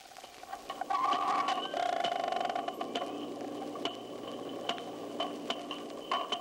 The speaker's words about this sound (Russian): Сейчас четыре дельфина изучают микрофон, который опустили в бассейн. Они обходят его со всех сторон, удаляются, приближаются. Понять, как действует локатор дельфинов, попробуем замедлить запись для начала 8 раз.